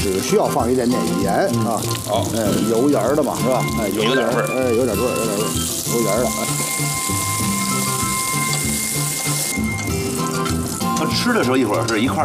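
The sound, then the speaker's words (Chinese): Tea leaves sizzle and crackle as they are pan-fried in hot oil in a separate pot to make oil-and-salt tea leaves, with a steady, hissing fry that swells louder midway, while people talk over it. “嗯，咱就是首先是这个煎炒一下，对吧？ 油煎一下， 动一动。哎，炸一下。”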